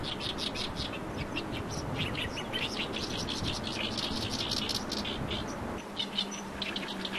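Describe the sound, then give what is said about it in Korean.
An Oriental reed warbler sings a harsh, husky, chattering song in quick repeated bursts as a courtship serenade to find a mate, close and steady throughout, in a reed bed, over a constant low rumble of wind or water in the background. “이 소리가 개개비 소리가 내는 소리.”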